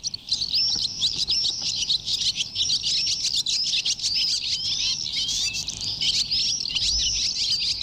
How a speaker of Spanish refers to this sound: Bueno, estos son los adultos más bien. Ahora despedimos a las golondrinas.